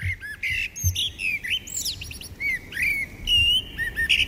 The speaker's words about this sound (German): Ja, ist doch immer schön, so ein Vogelgezwitscher. Ja, und das soll angeblich sogar gesund sein, sagt eine neue Studie.